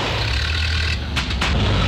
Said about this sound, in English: Now his car sounds like a coffee grinder on strike.